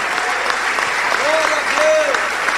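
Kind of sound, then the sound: crowd, audience applauding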